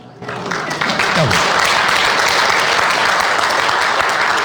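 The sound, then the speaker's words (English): A crowd bursts into sustained applause after the speaker announces he has completed 40 years there, dense overlapping clapping that swells within the first second and holds steady and loud, with faint voices mixed into the noise. “I know you're thinking he's going to retire and that's why you applauded.”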